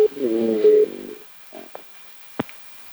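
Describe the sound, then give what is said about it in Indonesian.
A WhatsApp call rings once: a short tonal ringing lasting under a second, followed by a few faint clicks and knocks as the line connects. “kita beralih ke telepon WhatsApp”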